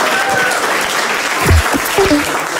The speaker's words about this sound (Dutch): Applaus voor Toby Alderweireld.